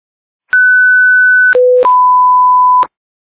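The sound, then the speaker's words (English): Loud electronic alarm tones sound in sequence: a steady high tone for about a second, a brief lower tone, then another long steady tone, separated by sharp clicks, with no voices. “Do you want one of us to silence the alarms?”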